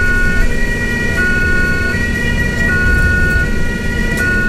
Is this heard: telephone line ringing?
no